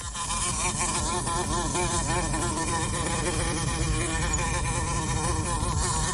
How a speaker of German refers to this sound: Und damit wären wir dann auch schon bei ihr, Vespula vulgaris, so nennt der Biologe sie. Wir nennen sie auch gerne schon mal, hau ab, du nervendes Viech, die Wespe.